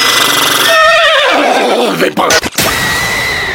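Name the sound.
horse neighing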